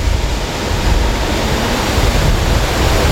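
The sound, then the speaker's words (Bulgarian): Loud, steady rush of churning water, a dense continuous roar with no pauses or voices, like a large volume of water pouring through a channel, at the start of a cold-water canal at a shore pumping station with 24 pumps; the water is lifted 13 metres and flows about 7 km to a power plant. “А така изглежда от другата страна бреговата помпена станция. Това е началото на студения канал.”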